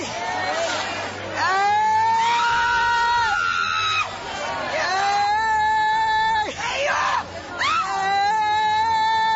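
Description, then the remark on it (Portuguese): Several people shout and scream loudly during an exorcism, long strained cries overlapping one another in waves, calling for Jesus to burn the demon, with a constant crowd-like din underneath. “Grita para Jesus queimar ele.”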